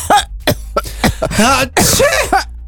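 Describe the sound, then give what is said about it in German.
A series of loud, harsh coughs, several bursts in quick succession with ragged breathy rasps between them, ending in a strained, throaty hack. “Boah. Husten, bei euch auch schon die ersten Kollegen, einige Erkältungen sind ja bereits im Umlauf.”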